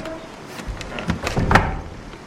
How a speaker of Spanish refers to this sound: Aureliano, extasiado, se para, cierra la puerta y se recuesta en ella.